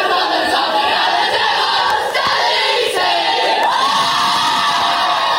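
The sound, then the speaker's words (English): A near-capacity crowd at a men's football match in Penguin roars and cheers continuously, a dense wall of voices with scattered shouts and whoops rising over the sustained din. “Meantime, the men's match saw a narrow defeat for the Devils in front of a near-capacity crowd, clocking a 5-point loss to the Hawks.”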